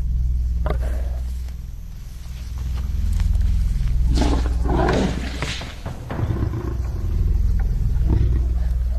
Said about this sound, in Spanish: Los leones están desesperados y su ataque es inminente.